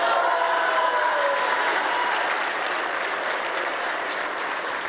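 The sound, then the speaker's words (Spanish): A crowd at an IMSS-Bienestar event breaks into loud, sustained applause for Governor Margarita González Saravia, a dense steady wash of clapping that holds its level for the whole stretch with no voices rising above it. “Un fuerte aplauso a la gobernadora.”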